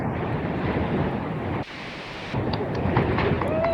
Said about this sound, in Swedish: Blåsigt Hönö i skärgården. Ja, tror jag telefonen landade i en klippskreva. Kanske det. Där ligger vi så gott så. Lite lugnare där. Ska vi se om vi hör något då. Jag har mest blåst.